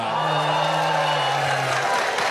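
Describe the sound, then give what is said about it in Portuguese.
A live audience at a talk on eschatology, broadcast live by RTM Brasil, cheers and applauds, a dense, steady roar of clapping and voices that holds at an even loudness for about two seconds, with no clear speech over it. “Agora nós temos um momento de perguntas transmitindo ao vivo para você, ouvinte da RTM Brasil, para você que acompanha no canal do YouTube e também para essa plateia linda que se manifesta agora.”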